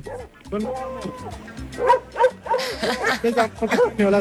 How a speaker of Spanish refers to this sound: Mire el señor que saca los perros.